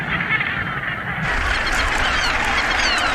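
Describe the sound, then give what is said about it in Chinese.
A seabird colony on Bass Rock, a small volcanic island about 2,000 metres off Scotland's east coast, calls nonstop, hundreds of harsh, overlapping honking cries merging into a loud, steady chorus that swells slightly after the first second. No one speaks. “岛上物种不多，除了鸟就是鸟。”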